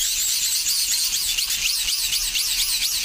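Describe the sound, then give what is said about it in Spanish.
A rotating lawn sprinkler sprays water in a steady, bright hiss, with quick wavering pulses running through it as the spray sweeps around. No one speaks. “Es un aspersor de estos que hay en los jardines para regar el césped o los jardines, que van girando, va saliendo el agua y van haciéndose ruido, sí.”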